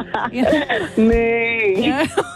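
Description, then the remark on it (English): A person imitates a cow's moo with a long, wavering, drawn-out vocal tone lasting about a second, flanked by brief voiced sounds. Fairly loud, slightly mournful in tone. “That was a pretty sad moo.”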